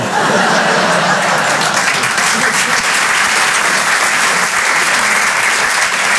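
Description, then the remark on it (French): Sustained audience applause fills the whole stretch, a dense, steady wash of many hands clapping, loud and even throughout, with a faint murmur of laughter mixed in. “Vous applaudissez, mais moi depuis je suis en panique.”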